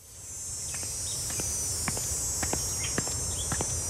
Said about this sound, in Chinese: 蝉鸣漫过六月的盛夏